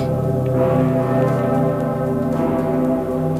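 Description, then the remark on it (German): A huge, deep cathedral bell, the Dicker Pitter in Cologne, tolls, its low humming tones and rich overtones ringing continuously and loudly, with a second stroke swelling in near the end; no voices. It rings only on very special occasions such as Christmas. “Ja, beim dicken Pitter. Der läutet ja nur zu ganz besonderen Anlässen, zum Beispiel an Weihnachten.”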